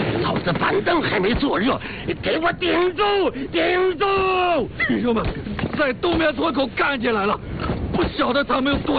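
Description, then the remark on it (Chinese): Sharp gunshots crack out repeatedly, irregular and fairly loud, buried under a chaotic mix of men shouting and yelling throughout. “哪来的枪声？”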